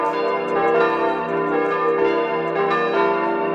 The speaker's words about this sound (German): Und vielleicht auch, dass niemand verschläft in Mariaalm. Sind tatsächlich die Glocken von Mariaalm. Also Gott sei Dank gibt es bei uns Kolleginnen und Kollegen, die jedes Geläute im gesamten Land einmal aufgenommen haben.